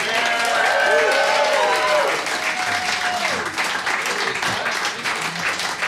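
An audience applauds loudly and steadily for about six seconds, with shouted whoops and cheers rising above the clapping early on, then the clapping continues at a slightly lower level.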